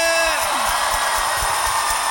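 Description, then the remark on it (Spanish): A church audience lets out a loud, sustained shout of joy to God's name, many voices cheering and whooping together in a dense roar that holds steady for about two seconds, with a few pitched cries at the start. “¿Alguien puede dar un fuerte grito de júbilo a su nombre?”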